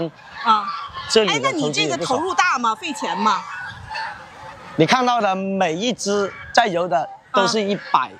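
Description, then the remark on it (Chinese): Magang geese, a breed with black heads, bodies and feet, honk loudly in repeated harsh, nasal bursts, with a short lull in the middle before another run of overlapping calls. “就能看得到一只鹅，还有看你看， 这只鹅，这是马缸。”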